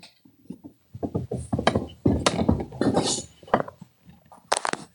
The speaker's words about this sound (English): I just knocked my phone off the couch. I apologize, everyone.